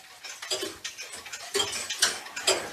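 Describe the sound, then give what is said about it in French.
A pendulum clock in a clock repair workshop in Les Écorces ticks loudly and steadily, about two sharp ticks per second, with nothing else in the background. “Donc le tic-tac est très fort.”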